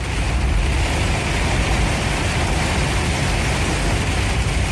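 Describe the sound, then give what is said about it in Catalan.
A car drives up a flooded village street, filmed from inside while driving uphill, its engine rumble blending with a steady, loud wash of splashing water and hiss that continues without a break. No one speaks. “Però també vaig voler fer algun vídeo conduint carrer amunt. Escolteu.”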